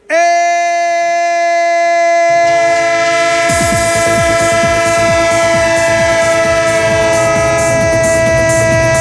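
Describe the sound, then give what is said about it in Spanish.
A loud, sustained train horn blares a steady multi-tone chord throughout, joined after a few seconds by heavy rumbling and a rhythmic clatter of rolling wheels; a sound effect used as the Radio Estadio train on Onda Cero radio. No one speaks. “¡El tren de Radio Estadio! El tren de Onda Cero, claro que sí.”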